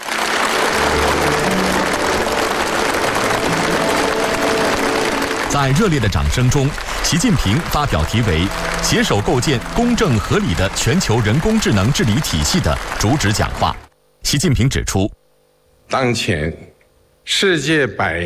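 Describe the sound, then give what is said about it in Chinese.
Warm, dense applause as Xi Jinping delivers a keynote speech on building a just and reasonable global AI governance system fills the opening seconds as a steady wash of clapping, then fades out as a voice starts speaking, followed by pauses and short bursts of speech. “在热烈的掌声中，习近平发表题为《携手构建公正合理的全球人工智能治理体系》的主旨讲话。”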